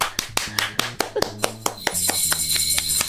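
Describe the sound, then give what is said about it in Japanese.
Light applause from two people in a studio after the program's new theme song is announced, quick sharp claps in a steady patter, sounding thin and sparse over a background of music with low bass notes and bright high tones. “スタジオ2人だからこれぐらいしか拍手が出ないけど”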